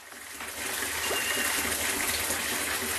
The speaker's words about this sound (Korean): 갑자기 어디 가? 설마 물소리를 들었냐게? 이불 빨래를 하시려나 봐요.